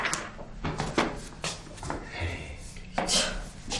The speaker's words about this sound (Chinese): 野蛮人学会敲门了，我知道是你，我绝对不会让你进。